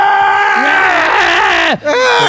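A loud, drawn-out human scream from a dungeon holds for nearly two seconds, then slides downward in pitch and breaks off briefly before a shorter, strained cry follows.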